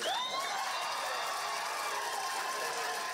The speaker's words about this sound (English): Moss 3, which led the movement against the landfill, achieved victory when the Russell County Board of Supervisors voted unanimously to halt landfill negotiations to a room full of cheers and applause.